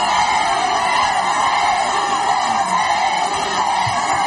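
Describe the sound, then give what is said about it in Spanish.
A large street crowd in Ceuta shouts the name of King Felipe over and over during a royal visit, a loud, dense roar of many voices with sustained cheering tones that never lets up across the few seconds. “Gritos de Felipe, que como digo, pues contrastan con los pitidos que ha tenido que escuchar Ángel Víctor Torres”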